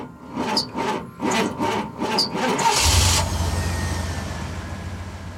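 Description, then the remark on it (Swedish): A truck engine cranks in several rhythmic bursts, then catches with a loud roar and settles into a deep, steady diesel idle rumble. No one speaks. “Och så hör vi att det är låga dieselpriser som lockar lastbilar till Sverige.”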